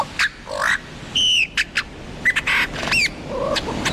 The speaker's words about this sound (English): lyrebird. Maybe it sounds nothing like that.